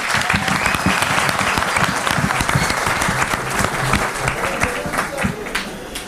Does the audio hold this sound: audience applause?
yes